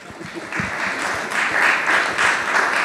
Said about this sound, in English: Another round of applause, I think, for Shiv and the golf clubs, because they really helped the swing.